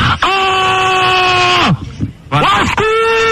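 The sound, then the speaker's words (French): A man screams loudly in a long, sustained yell that sags in pitch before breaking off, then lets out a second, shorter scream after a brief gap. “On me demande d'arrêter de gueuler parce que c'est Walkman et c'est terrible.”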